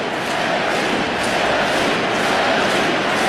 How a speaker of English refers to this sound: Now there is an out in the inning. And the crowd here at American Family Field with the Yelly chants.